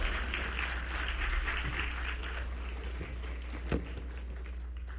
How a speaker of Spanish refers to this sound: fuerte aplauso al piano y a nuestros violonchelos.